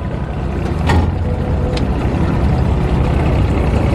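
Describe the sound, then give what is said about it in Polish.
An aluminium motorboat on a river reverses and then pulls away, its engine droning with a loud, steady low rumble throughout, broken by a couple of brief higher-pitched knocks early on as the boat gets under way. No one speaks. “I teraz jedziemy na wstecznym i cofamy i ruszamy.”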